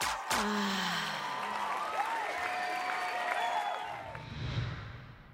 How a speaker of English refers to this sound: Ladies and gentlemen, make some noise for your winner